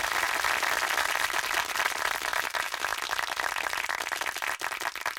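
applause

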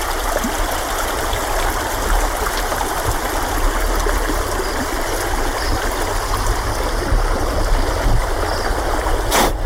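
flowing stream water

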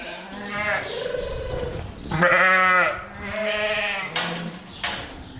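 sheep bleating

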